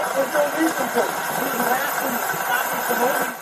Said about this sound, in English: Have you had exhaust issues? Okay, well, I just happened to notice when I was driving by, you went driving by and your vehicle was loud. Well, there's some type of rattling, it sounds like, over in here, and then there's obviously your engine.